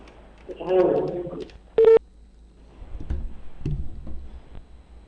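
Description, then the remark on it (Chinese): A short, loud electronic telephone tone, like a dialing or ringing beep, sounds once amid a person's muffled talking as a call is placed to the 科索后勤教育局 education bureau, followed by quieter shuffling and speech. “咱们现在正在拨打科索后勤教育局的电话。”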